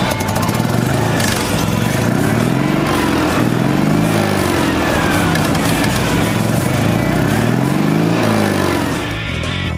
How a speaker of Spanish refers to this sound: Así arrancaron los meharis, los dos caballos, los AMI 6 y muchos otros coches de la gama de Citroën, de la gama baja de Citroën, hay que decirlo.